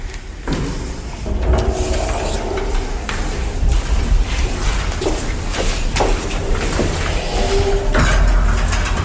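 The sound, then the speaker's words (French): A door at a cultural centre bangs shut again and again at irregular intervals on a very hot day, each thud sharp against a busy, echoing background hum with faint murmuring voices. “Non, c'est juste la porte qui n'arrête pas de claquer.”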